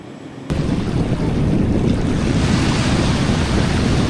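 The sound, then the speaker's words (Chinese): Rough sea surf in waters off southern Fujian, China, in midsummer, where army reconnaissance soldiers carrying gear weighing tens of kilograms battle the waves in sea training, churns loudly and steadily with wind buffeting the microphone, a constant roaring wash of water that swells in after a brief quieter moment at the start. “汹涌的海水中，官兵们背负几十公斤重的装具，正在与风浪搏斗。”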